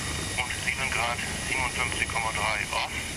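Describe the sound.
A helicopter engine runs steadily, a loud continuous drone with a high whine, while a man speaks over the noise.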